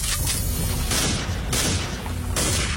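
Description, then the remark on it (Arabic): Dense, continuous crackle of rapid gunfire with heavy booming bursts, loud, rolling on without a break and no voices audible. “في اطلاق نار يا عبيد، في اطلاق نار”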